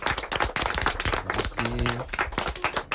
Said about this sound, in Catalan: Anem a fer un aplaudiment, va.